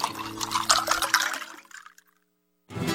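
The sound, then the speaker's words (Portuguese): Blessed water trickles and splashes as it is poured, a steady stream for over a second that tapers off into silence before a fresh pour starts again. “Gente, agora pegue essa água que foi benzida e fluidificada e dê todo dia de manhã um pouquinho para a pessoa que encontra-se enferma.”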